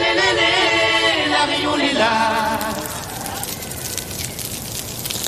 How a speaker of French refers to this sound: Tendez l'oreille car ce son est rare. Ce n'est pas du bacon qui frit dans une poêle, c'est le crépitement émis par les coraux quand vous mettez la tête sous l'eau. Ce son a été enregistré par le chercheur Simon Élise.